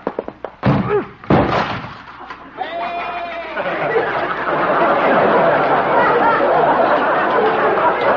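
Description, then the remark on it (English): A goat crashes into a wooden door with several loud thuds and bangs, then bleats briefly before a dense, noisy commotion of clatter and chatter fills the rest. “Well, at least Doc will have to get a new door. Maybe he'll have to get a new goat.”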